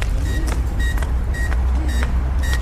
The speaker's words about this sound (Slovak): Ten naviak tam vonku, tento zelený gombík, keď potlačím, zapne to, dáva signál. Počujeme? Áno. Musíme ísť k tomu, aby sme počuli. To je preto ten signál, keď sme tam pri vode, aby sme počuli, že je to v prevádzke.